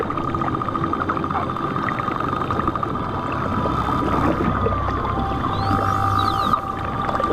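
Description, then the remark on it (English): Pilot whale whistles and chirps ring out underwater, with several rising, squeaky sweeps near the end over a steady droning hum and dense crackling water noise. “Pilot whales are a very social bunch and communicate with a large repertoire of whistles and other sounds.”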